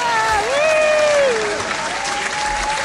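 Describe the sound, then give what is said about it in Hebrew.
An audience claps steadily for about three seconds, a dense, even wash of applause, with a wavering high-pitched whoop or whistle riding over it, applauding the participants of a contest. “ועוד כפיים כי למה לא?”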